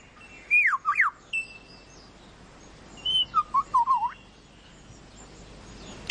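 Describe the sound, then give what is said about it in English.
A lyrebird mimics a camera shutter in two bursts of sharp, clicking whistled notes, a short pause between them, clear over a quiet outdoor background. “He's making a camera noise. That's a bird.”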